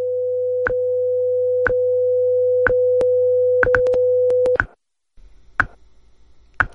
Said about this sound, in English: At the tone, we've reached the top of the hour.